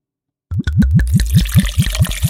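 Pusser's British Navy rum glugs out of a bottle in a quick, regular series of about nine hollow gulps, fairly loud, with a splashy liquid hiss building over the pour.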